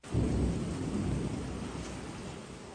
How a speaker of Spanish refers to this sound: Paisano, está buena la lluvia. Está buena la lluvia, paisano, está recio la lluvia. Mucho viento, bastante viento, diría yo.